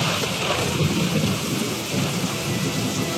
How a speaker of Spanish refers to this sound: Era la época de lluvias, y ese día llovió fuertemente